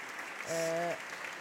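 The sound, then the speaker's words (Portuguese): Steady standing applause from fellow members of a parliamentary bench for a deputy after his speech, a dense continuous patter of clapping, with a brief voiced call rising over it midway before the clapping carries on. “Preto no branco, o voto contra do Partido Socialista à proposta do Governo de alteração ao pacote laboral, deputado agora a ser aplaudido de pé pelos colegas de bancada.”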